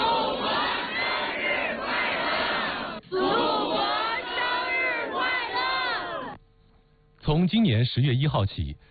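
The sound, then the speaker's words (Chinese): A large crowd on a square in Beijing applauds, cheers and shouts as the national flag reaches the top at a flag-raising ceremony around 6:10 am, a loud, dense roar for about six seconds, drops briefly to near quiet, then erupts again in another loud burst of massed voices. “国旗升至顶端的那一刻，广场上爆发出热烈的掌声和欢呼声”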